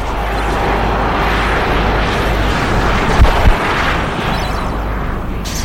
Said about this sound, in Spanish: El pequeño jet se detiene al final de una de las pistas laterales del aeropuerto.